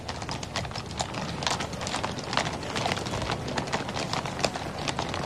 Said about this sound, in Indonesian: Kali ini jumlahnya lebih banyak dari yang sebelumnya, namun tetap ya, kami mohon Bapak Ibu hadirin sekalian untuk tidak melakukan gerakan secara tiba-tiba saat pasukan kuda kawal belakang melintas di hadapan kita.